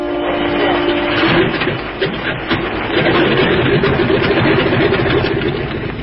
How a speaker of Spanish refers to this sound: y en unos minutos más, la pequeña avioneta tripulada por Calimán tomó tierra.